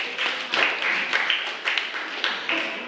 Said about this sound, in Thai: ขอเสียงปรบมือให้กับเพื่อน